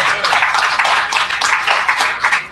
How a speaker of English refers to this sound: Let's say an amen and give a hand clap.